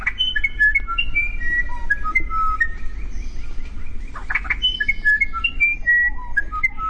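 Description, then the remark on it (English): A South American musician wren's song: a rapid series of pure, flute-like whistled notes stepping up and down in pitch, with a brief burst of scratchy chatter in the middle, over a low rumbling background. “It's a tough decision, but many would choose South America's musician wren.”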